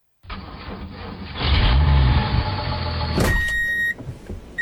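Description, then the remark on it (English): The diesel engine of heavy equipment rumbles, swelling louder as it revs, then a sharp mechanical clunk is followed by a thin, high whine over the steady idle. “You hear the diesel.”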